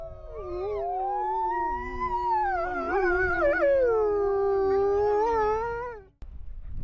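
Several wolves howl together in a loud chorus, their long wavering tones rising and sliding over one another for about six seconds before cutting off abruptly. No one speaks.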